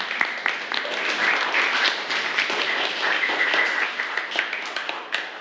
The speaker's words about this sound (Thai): ค่ะปรบมือให้กับเพื่อนด้วยค่ะ